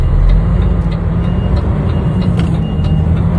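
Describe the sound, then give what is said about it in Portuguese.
A car engine rumbles loudly and steadily as the vehicle slowly reverses on a highway, a deep continuous drone with road noise and no voices. “Graças a Deus, vou dar uma ré no carro aqui, tá muito próximo.”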